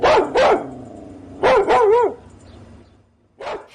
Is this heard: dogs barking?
yes